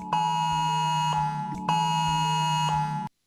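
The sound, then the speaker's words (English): A loud, harsh emergency priority alert tone from a phone, sounded in a priority alert test in Moorebank, comes in two long buzzing bursts, each about one and a half seconds, with a brief break between, then cuts off abruptly. “This is the sound that people might hear.”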